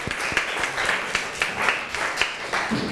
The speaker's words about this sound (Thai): ขอเสียงปรบมือให้กับกลุ่มที่1ของเราด้วยนั่นเองค่ะ